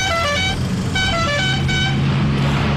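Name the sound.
car horn honking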